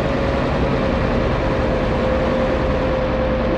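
A motor ship's engine drones steadily and loudly as it departs from an underground harbor, a deep continuous rumble with a constant humming tone riding on top, unbroken for the whole stretch with no voices.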